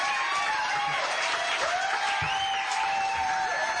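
A large audience at a live show applauds Jesse Williams steadily for a few seconds, a dense wash of clapping with scattered cheers and rising whoops over it, loud and continuous throughout.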